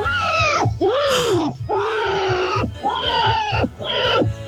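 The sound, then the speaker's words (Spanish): A man's voice imitates a slaughtered pig's squeals: five loud, strained, wavering shrieks in quick succession, rising and falling in pitch with brief breaths between, no other talk. “Escucha al chancho cuando lo matan.”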